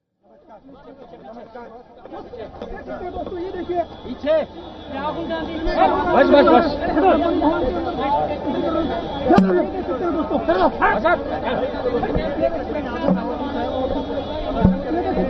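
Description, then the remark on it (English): Dense crowd chatter at an India bloc opposition protest march towards the Election Commission office in Delhi, with opposition leader Rahul Gandhi surrounded by a huge crowd as police stop the marchers. Many overlapping voices form a steady, loud babble that swells in after a quiet start, with occasional sharper shouts cutting through. “We see opposition leader Rahul Gandhi surrounded by a huge crowd of people as he, alongside Priyanka Gandhi Vadra and other several opposition leaders, have been detained as police stopped India bloc members from marching towards the commission”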